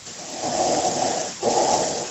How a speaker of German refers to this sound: … atmet sehr laut.